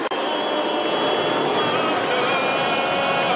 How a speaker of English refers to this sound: Those are the jets, the airplanes.